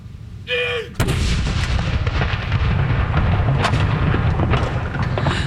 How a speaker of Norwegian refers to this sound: Hun står rett bak de som avfyrer disse salutene. Andre kanon!